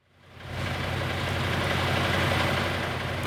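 A bus engine idles steadily, a low rumbling drone with a broad hiss on top, fading in quickly and then holding constant at the Nova Gorica bus station, with no voices.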